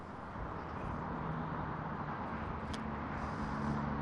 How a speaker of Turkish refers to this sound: Dün dönüş yoğunluğu Bolu geçişinde başlamıştı. Şu an itibariyle de devam ediyor. Ben Anadolu Otoyolu'nun Bolu geçişinde bulunuyorum. Avşarköy mevki.